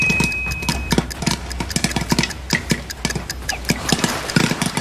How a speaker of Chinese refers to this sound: 加盖啊！在爆的时候要干嘛呢？要开始要晃一晃，就其实让它更均匀一些啊，对， 就是别有那种沉底的。 对，这时候的火就放开到最小就可以了啊。来，我们静待这一锅爆米花，听。